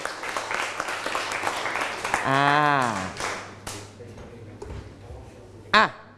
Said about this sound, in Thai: ครูมีเพื่อนตัวแทนนะครับนักกีฬาของห้องออกมาเลยครับปรบมือให้เพื่อนหน่อย